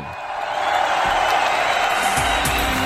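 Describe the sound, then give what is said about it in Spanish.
Steady, dense applause from an audience for Alfredo Casero fills the whole stretch, a continuous wash of clapping at even loudness with scattered whoops and cheers mixed in. “Señoras y señores, ¿esto merece un aplauso o no?”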